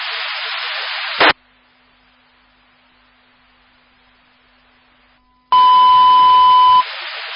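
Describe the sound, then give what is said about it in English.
A burst of radio static, a quiet pause, then a loud, steady electronic fire dispatch paging tone held for over a second over crackling radio hiss, with no speech; toned for a fire alarm at 31591 45th Avenue. “Toning by request of 101.”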